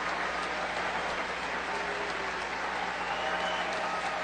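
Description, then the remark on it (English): A college baseball crowd of Tar Heel fans applauds their ace pitcher Jason DeCaro during a pitching change, a dense, even wash of many hands clapping at once that holds at a constant loudness for several seconds without breaking. “And listen to this round of applause from the Tar Heel faithful for their stud ace, Jason DeCaro.”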